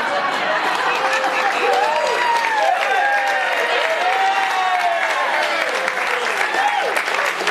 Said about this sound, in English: To start this off, I think we have to give a big round of applause for our military band and singers.